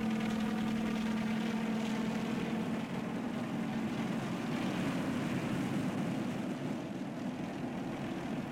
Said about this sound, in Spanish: Luego, con precisión absoluta, el helicóptero se posó suavemente sobre el mar, como gigantesca avispa fatigada por un largo viaje.